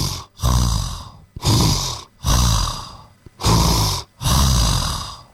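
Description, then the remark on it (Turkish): A voice imitates loud snoring, five long rasping snores in a steady rhythm with brief gaps between them, forceful, with no talking; it mimics how a friend snored while sharing a hotel room. “Bu normal diyorsun, bu adam horluyor.”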